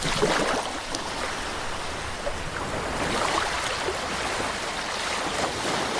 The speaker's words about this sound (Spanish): pero pese al sonido de las olas, del mar, en este caso si estamos en la laguna, de una laguna tranquila que ya no tenemos, pero que previsiblemente se va a recuperar